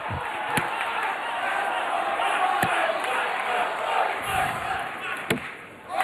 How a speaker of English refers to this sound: And you hear the crowd, the allegiance kind of split right down the middle.